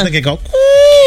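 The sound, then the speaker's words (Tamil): A moment of talking, then a person voices one long, steady 'ooo' note, imitating the call of an Asian koel, a bird called the 'ooo bird'. The note is loud and holds its pitch to the end. “அந்த ஊ bird Asian குயில் அப்படின்னு சொல்லுவாங்க”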